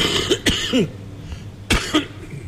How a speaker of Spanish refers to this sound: Que me ha contagiado la tos